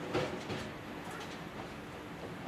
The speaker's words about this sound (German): Mit maximal 70 Kilometern pro Stunde steuert der Lokführer den Zug in Richtung Chamonix.